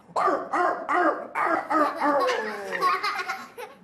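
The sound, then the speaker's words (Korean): A teacher in a class imitates a puppy barking with four short, yappy barks in quick succession, then a faster run of higher yips that blur into something close to laughter, fairly loud. “강아지예요.”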